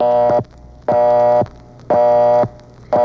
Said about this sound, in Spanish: ¿Quién será el que toque el timbre, frijol?